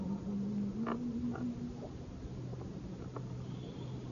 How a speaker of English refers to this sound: The katydid start chirping close.